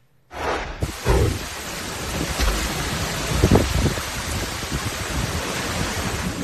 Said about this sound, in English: Heavy rain pounding the south over the Memorial Day weekend.